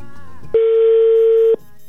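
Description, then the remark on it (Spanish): A single steady ringback tone on a phone line as a call to a woman's phone is tried once more, lasting about a second, loud and clear through the handset, with quiet line noise before and after. “Ya sonando de nueva cuenta, Karen, el teléfono de la señora Marta”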